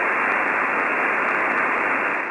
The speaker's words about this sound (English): Go to the dial, try to listen to those two radio stations. It's nothing but static.